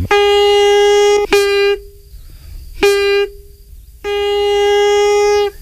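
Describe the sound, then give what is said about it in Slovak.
A wooden folk pipe, a pískor with its end made from elder wood, sounds several sustained, reedy tones on a steady low pitch, rich in overtones, broken into long held notes with short gaps and brief accented attacks between them. “A na konci je? To je z bedzy. Pískor? Pískor. To je ako na gajdách, že?”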